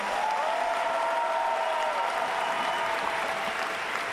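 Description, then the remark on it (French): Sustained applause from an audience for the high school student movement fills the whole stretch, a dense, steady wash of clapping at even loudness with no voices breaking through. “Et d'ailleurs, je pense qu'on peut applaudir et avoir une pensée très chaleureuse pour le mouvement lycéen.”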